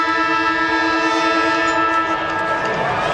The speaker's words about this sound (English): And the siren sounds. And he's going to kick after the siren.